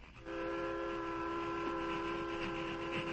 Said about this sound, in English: Train nearly reached top of slope.